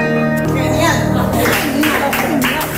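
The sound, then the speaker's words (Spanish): A piano's last notes, played by a pianist of the Pianos Vivos association at the AFAP centre for families of Alzheimer's patients in Barcelona on a Wednesday afternoon, fade into a burst of audience applause, steady clapping with murmuring voices mixed in underneath. “Bueno, muy aplaudido por lo que veo al acabar, ¿no?”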